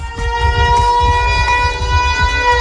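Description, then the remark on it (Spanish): A tsunami warning siren blares with a loud, steady, sustained tone, its pitch holding level throughout, over a low rumbling background and no voices. “En torno a las 7, 3 sirenas de alerta ante tsunami sonarán simultáneamente en Cádiz, en el antiguo Hospital Real, la Plaza Asdrúbal y el Estadio Nuevo Mirandilla.”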